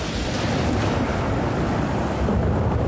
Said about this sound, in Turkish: Soğuk ve rüzgarlı. Tanrım, burası... Şiddetli bir fırtınanın ortasında, dünyanın en düz ülkesinde, bir ağacın tepesinde olmak güzel bir şey değil. Eğer yıldırım ağaca çarparsa kömür olurum ve Namibya maceram daha başlamadan biter.